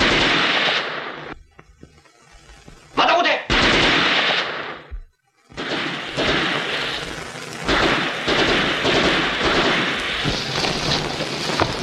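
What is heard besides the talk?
gunfire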